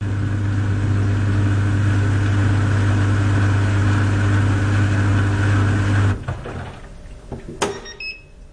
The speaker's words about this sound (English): European small dryer with some confusion. Yeah. Okay, let's listen to that because now I'm really curious what this dryer sounds like.